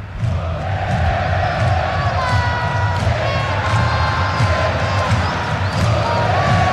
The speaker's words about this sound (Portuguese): O complicado é que não tem como diferenciar os dois Vitor Hugos, né? Ah, é verdade. A torcida grita Vitor Hugo pros dois.